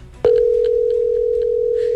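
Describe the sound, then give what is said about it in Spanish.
A telephone ringback tone for a call that goes unanswered cuts in abruptly after a brief quiet moment and holds as one loud, steady, unbroken hum, with faint background noise underneath. “Ah, no, no va a contestar. No quiere contestar.”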